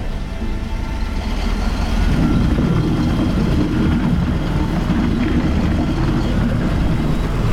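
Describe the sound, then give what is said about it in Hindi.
Steady, loud rumble of an empty heavy truck driving along a bad road on its way to be loaded, on a day without fog or rain, with deep engine drone and continuous road noise filling the whole stretch, heard from inside the vehicle; nobody speaks. “समय मेरे दिमाग में ये चीज चली कि मैं इस रोड में अभी तो खाली गाड़ी लेके लोडिंग को जा रही हूँ, लोड गाड़ी को मैं इसके ऊपर कैसे चलाऊंगी”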